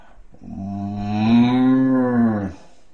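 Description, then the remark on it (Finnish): A person imitates a cow's moo with one long, loud, steady lowing call lasting about two seconds, voiced alone with no other sounds around it. “Sitten tulee lehmä.”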